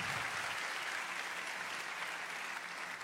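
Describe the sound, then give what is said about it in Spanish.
An audience applauds the Lord loudly one morning, a dense, steady wash of many hands clapping that holds at an even level throughout, with no voices standing out. “Dale un aplauso fuerte al Señor, fuerte.”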